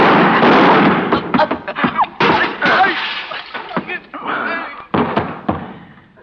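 Loud gunfire erupts in a dense opening blast, then breaks into a rapid, irregular string of sharp cracks and heavy thuds that vary in strength before tapering off.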